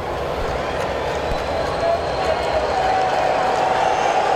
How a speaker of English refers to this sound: Fans cheering him on here. Appreciating his effort.